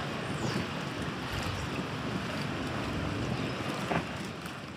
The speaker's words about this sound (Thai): สภาพท้องถนนในรัฐนิวเจอร์ซีย์ของสหรัฐกลายสภาพเป็นแม่น้ำนะคะหลังจากที่เจอฝนตกหนักลมกระโชกแรงและคลื่นสูงซัดฝั่งจากอิทธิพลของพายุนอริสเตอร์หรือว่าพายุหมุนที่กระแสลมเนี่ยก่อตัวแล้วก็พัดเข้าฝั่งสหรัฐจากทางตะวันออกเฉียงเหนือ